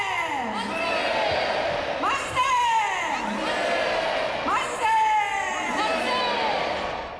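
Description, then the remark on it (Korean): A large crowd of citizens shouts "manse" three times in unison at the House of Resolution of the Independence Hall of Korea during a Liberation Day ceremony, each loud collective cry rising then falling in pitch, with a noisy murmur of voices filling the gaps between shouts. “독립기념관의 상징인 결의의 집에 만세삼창이 울려 퍼집니다.”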